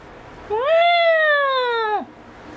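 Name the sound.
cat meowing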